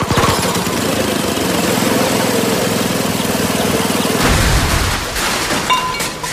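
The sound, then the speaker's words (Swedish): A small garden machine engine runs loud, sputtering and uneven with rough, irregular firing, then coughs and falters near the end as it struggles to keep going. The machine had not been serviced at Lunds Park och Maskin. “Den var inte heller servad på Lunds Park och Maskin.”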